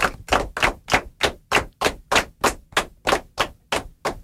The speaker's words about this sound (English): Okay, that's great. Give yourselves a clap for being so attentive.